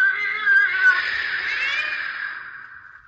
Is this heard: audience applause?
no